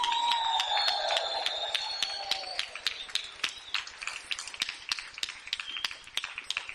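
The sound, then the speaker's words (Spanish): A crowd claps steadily while sustained high whistles ring out over the applause for the first couple of seconds, then the whistling fades and only the scattered, rhythmic clapping continues; the applause and whistling are given in praise of God (Adonai) at a preacher's call. “Dele un fuerte aplauso a Adonai, hermana, hermano. Un silbido de júbilo al Adonai.”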